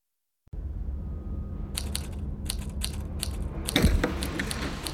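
Rapid mechanical typewriter keystrokes clatter in irregular bursts over a steady low hum, with a louder thump and jumble of clacks near the end, as Sheriff Keith eagerly types a report on his typewriter at a police station. No one speaks.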